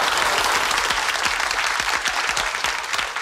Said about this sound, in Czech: Zasloužený potlesk pro paní Ivu a její velký a rozhodně nejen komediální dramatický talent.